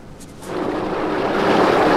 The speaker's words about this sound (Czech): Niagarský vodopády z kanadské strany. A já vždycky myslela, že Niagara temně hučí do noci.